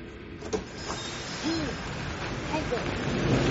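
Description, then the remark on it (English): A steady, blustery storm wind roars and rushes throughout, with a few faint whistling gusts rising over the low rumbling noise, building slightly louder toward the end. “Oh, you know how I am when it comes to storms, Whit.”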